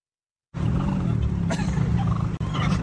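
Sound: turkeys gobbling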